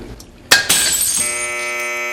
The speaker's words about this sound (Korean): 낡은 벽에서 타일이 떨어져 깨진다.